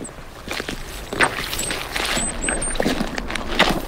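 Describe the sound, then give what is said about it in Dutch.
Boots squelch through soft, waterlogged peat in a bog in a steady series of wet, squishy steps, each a muffled smack with sucking, splashy crackles, moderately loud and with no talking. “Kun je dat met je microfoon bij je laarzen, kun je dat sponsigen laten horen?”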